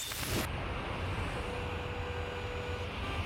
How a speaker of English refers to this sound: Oh, so much traffic.